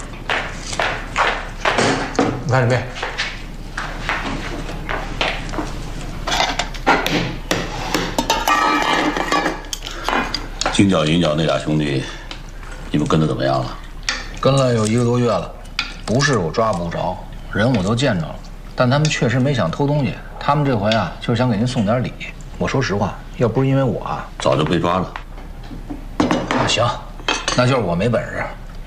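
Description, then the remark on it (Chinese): Busy kitchen cooking of twice-cooked pork: metal utensils clatter and scrape against pots and a wok in a steady stream of clinks and knocks, with voices talking in the background. “来来来，去把回锅肉做了啊！”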